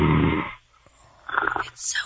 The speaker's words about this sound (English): Oh, is he asleep? Oh, sleep. He's sleeping. He's got snoring problems.